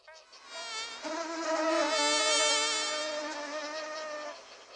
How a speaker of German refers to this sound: Eine langbeinige, rote Riesenschnake.